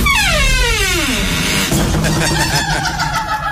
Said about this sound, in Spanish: La puerta como que ríe, ¿sí uno? Me provoca no echarle aceite. Me provoca no echarle aceite a esa puerta, hombre, que eso suena lo más de chévere y más chisto. Venga, la vuelvo a cerrar, a abrir y verá.